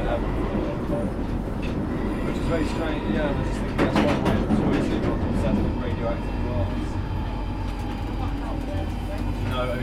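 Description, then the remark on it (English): An underground train at King's Cross St. Pancras station, terminating at High Barnet, runs with a steady, loud rumble and clatter throughout, swelling briefly into a sharper rattling burst midway. “This train terminates at High Barnet.”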